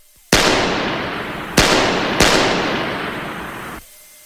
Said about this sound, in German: Um 23 Uhr stieg er in den ersten Stock hinauf, zog seinen Schlafanzug an, legte sich ins Bett, erhob sich wieder, entnahm dem Nachttisch eine Pistole und begab sich barfuß die Diele hinunter. 3-mal feuerte er auf die nach oben führende Treppe.